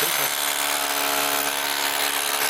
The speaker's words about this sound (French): C'est la première fois que j'utilise une perceuse, enfin je sais pas exactement le nom, mais. C'est une perceuse marteau percuteur.